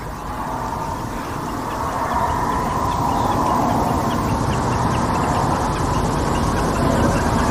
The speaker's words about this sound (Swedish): Grodor eller paddor, någonting man hör också. Ja, vi har hört lite grodor på avstånd här.